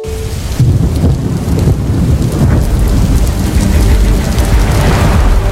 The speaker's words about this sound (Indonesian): Perubahan cuaca yang tidak menentu membuat kita harus siaga di setiap kondisi cuaca, termasuk hujan yang mendadak. Hujan yang tiba-tiba terjadi dengan intensitas yang tidak menentu seringkali mengganggu aktivitas harian kita